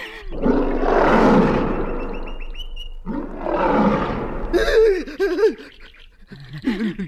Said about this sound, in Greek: Λιοντάρι!